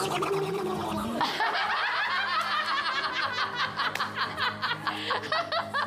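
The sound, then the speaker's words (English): A man, the show's floor director, imitates a duck, letting out a loud, rapid string of raspy, nasal quacks that run almost nonstop for several seconds after a brief lower-pitched start. “I think that was a pretty good duck.”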